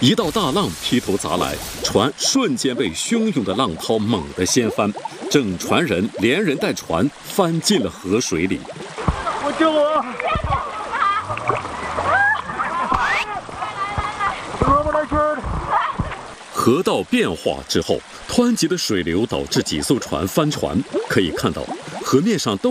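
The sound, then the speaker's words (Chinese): Rushing river water churns steadily and loudly throughout on a natural rafting river at a scenic area in a southwestern Chinese province, where the fast current capsizes several rafts. Several people shout and call out over the constant roar of the current as tourists fall into the river. “河道变化之后，湍急的水流导致几艘船翻船。”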